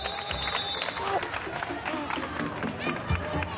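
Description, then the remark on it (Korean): An audience bursts into steady, dense applause for someone merely lifting a weight at a village team sports event, a continuous crackle of many hands clapping at an even loudness, with crowd voices and a brief high whistle-like tone mixed in at the start. “들기만 했는데도 박수가 쏟아지네요.”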